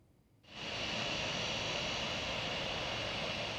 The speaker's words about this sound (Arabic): هذا ورصد مراسل تلفزيون سوريا هبوط أول طائرة في مطار دير الزور الدولي لرحلة داخلية قادمة من دمشق، واستطلع آراء بعض المسافرين.